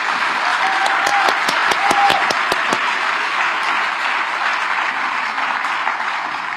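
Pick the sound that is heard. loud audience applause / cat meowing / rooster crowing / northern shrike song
loud audience applause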